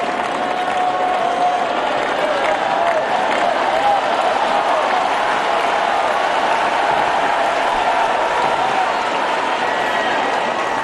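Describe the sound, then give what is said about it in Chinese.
Spectators applaud the player Gauff, who is under pressure, a dense, even wash of many hands clapping that holds at a constant loudness for about eleven seconds with no voices standing out. “出现这样的突发局面，对于高夫来说是承受着一定的压力的，而现场的掌声也给到他，希望他能够再接再厉。”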